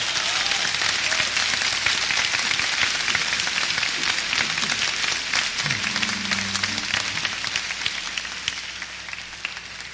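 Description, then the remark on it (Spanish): Sustained audience applause on 106.9 FM, the radio station of the Apostolic Vicariate of Petén, before a song for the Virgin Mary: a dense wash of many hands clapping steadily and loudly for the full ten seconds, with no voices rising above it. “Si nos permiten, entonces échale un fuerte aplauso, pues, de una vez.”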